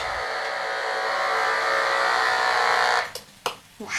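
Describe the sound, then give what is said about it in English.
A knife fish in a tank produces a dense, steady electric buzz of rapid electrical pulses, so fast they blur into one continuous hum, holding level for three seconds before breaking into a few abrupt dropouts and bursts near the end. “the knife fish is producing a nearly constant stream of electrical pulses”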